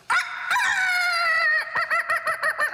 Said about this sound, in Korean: 그것도 그냥 닭이 아니었습니다. 마치 마이크를 잡은 것처럼 쩌렁쩌렁 울리는 닭.